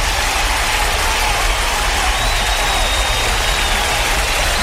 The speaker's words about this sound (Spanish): Aquí estamos, y un aplauso para el programa, claro que sí.